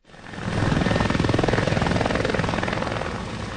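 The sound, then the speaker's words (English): Helicopters pass, rotors beating in a rapid, steady chop over a loud engine roar that swells up quickly and then holds strong, as they transport firefighters battling a wildfire in Almeria province, southern Spain. “Helicopters buzz through the air transporting firefighters who've contained a blaze burning in Almeria province.”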